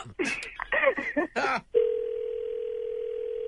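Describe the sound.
A voice talks briefly, then a steady, unbroken telephone tone begins and holds at an even level to the end, clear, like a line sounding after a call is placed.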